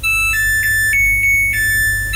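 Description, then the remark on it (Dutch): A washing machine's end-of-cycle tune: a short electronic melody of about six clear beeped notes stepping up and down in pitch, with the final note held longer, over a low steady hum. “Maar dan begint dus dit deuntje als de wasmachine klaar is.”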